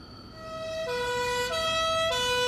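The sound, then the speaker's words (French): A two-tone ambulance siren alternates between a high and a low pitch in steady steps, growing louder as the ambulance arrives at the entrance of a barracks. It is prominent over a low rumble of road noise, with no voices. “On appelle une ambulance qui, une fois arrivée devant l'entrée de la caserne, est renvoyée, vide, à l'hôpital.”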